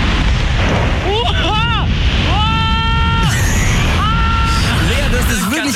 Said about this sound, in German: Wahnsinn, dieser Schrei am Ende. Ey, der fetteste Adrenalinkick der Woche.